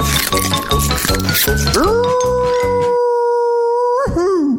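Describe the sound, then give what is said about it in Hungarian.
A wolf lets out one long, loud howl that rises and then holds steady, ending in a wavering fall. Rhythmic background music plays under the start and cuts out partway. “Arra ment a farkas, és nem ette meg, mert nem vette észre.”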